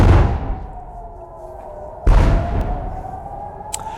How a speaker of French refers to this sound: De lourdes explosions, c'était il y a moins de 2 heures dans le ciel de Jérusalem, précédées d'une alerte 100 jours exactement après l'attaque américano-israélienne sur l'Iran.